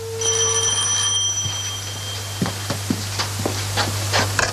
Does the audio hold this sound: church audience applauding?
no